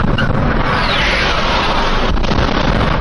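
explosions

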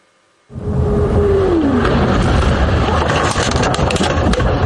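car driving

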